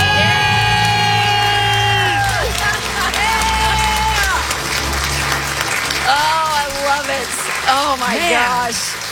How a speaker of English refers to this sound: All right, you guys, count it down. Let's hear your big debt-free scream.